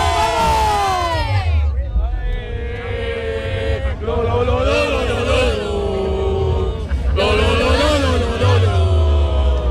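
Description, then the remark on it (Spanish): A crowd of Real Jaén football fans chants a loud, rhythmic cheer in unison, "¡Vamos, Jaén!", voices rising in repeated bursts over a dense, steady roar of supporters. “Yo creo que podemos entre todos hacer un grito de ánimo, ¿no? ¿Cómo anima esa afición del Real Jaén?”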